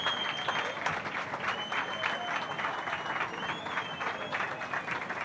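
Steady applause from a large crowd at the Batalla de Flores prize-giving, an ovation for the group Grupo Pejino on winning sixth prize: dense overlapping claps with cheering and a whistle or two rising above, sustained without a break.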